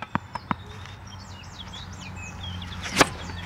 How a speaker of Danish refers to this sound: i hvid stil og rigtig ægte Wimbledon-stil, lige drible med bolden og lave en serv.